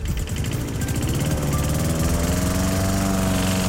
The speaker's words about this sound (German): Der Rasenmäher, der durch den schönsten Musikmix gefahren ist und ganz schnell angerufen hat heute Morgen.